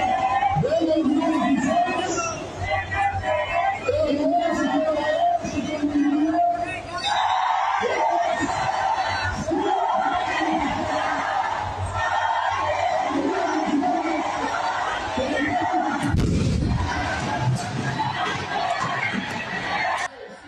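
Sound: crowd of protesters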